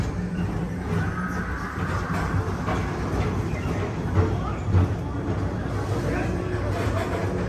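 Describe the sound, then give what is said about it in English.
An express train rolls steadily through Tomorrowland, a continuous heavy rumble with a few soft clunks and knocks rising out of the steady roar. “Don't worry, your express train keeps on rolling through the future, right by two of my favorite spots.”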